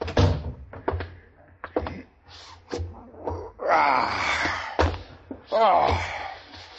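A door shuts with a heavy thud among a few other sharp knocks, while a voice lets out drawn-out groaning, moaning sounds that rise and fall in pitch.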